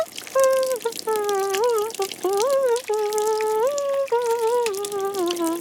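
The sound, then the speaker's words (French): Shower water runs in a steady, hissing rush in a bathroom as someone takes a shower, while a wavering melodic tone, like someone humming, rises and falls above it throughout. “Il prend une douche.”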